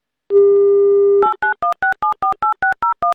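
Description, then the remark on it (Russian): A steady telephone dial tone hums for about a second, then a quick run of eleven evenly spaced touch-tone beeps, each a two-pitched electronic blip, as a phone number is dialed to call a listener in Moscow during an Avtoradio broadcast. “Номер набран.”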